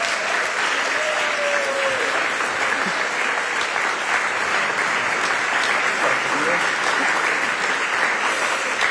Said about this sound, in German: Ich danke euch vielmals, hat mir viel Freude bereitet. Und ich finde, ihr dürft für unsere Gäste einmal einen großen Applaus dalassen.